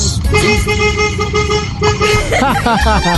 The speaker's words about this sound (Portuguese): eu vou buzinar na porta da tua casa lá pra acordar o Ricardão que tá lá enquanto você não chegou ainda.